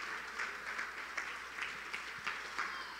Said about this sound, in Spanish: Den un aplauso al Señor nuevamente.